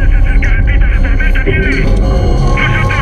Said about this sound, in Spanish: ¡Hay interferencia! ¡No te escucho! ¡Hay interferencia!